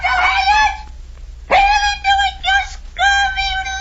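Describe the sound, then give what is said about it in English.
A bird calls loudly and close by, giving four harsh, rasping cries in quick succession with brief pauses between them, like a rooster-style crow, with no other voices around. “Tell us what the bird says, Captain.”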